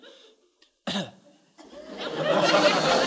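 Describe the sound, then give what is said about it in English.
A single sharp, loud, deliberate cough bursts out after a near-silent pause, then a rough, breathy rush of noise builds and swells steadily until the end. “Yes, an awfully good cough.”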